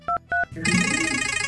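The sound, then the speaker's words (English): Two quick phone keypad beeps as a caller enters a code to activate the radio show's Wheel of Games, then a loud, bright game show prize wheel spinning effect kicks in with a rapid fluttering, ratcheting texture that carries on steadily. “I need you to push DCS327 on your phone, please, to activate the wheel.”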